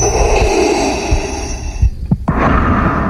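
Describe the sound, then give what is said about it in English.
Heavy, hissing Darth Vader-style respirator breathing into a microphone by a man dressed as Darth Vader at the podium of a San Diego City Council Public Safety and Livable Neighborhoods Committee meeting: a long, rasping breath, a brief break with a couple of low thumps, then the hiss resumes. No one speaks. “The man approached the podium at a Public Safety and Livable Neighborhoods Committee meeting with Darth Vader's signature breathing into the microphone.”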